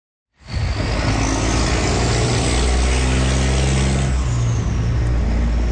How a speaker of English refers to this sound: What it sounds like now on the Huron Church corridor, trucks on their way to and from the 97-year-old Ambassador Bridge.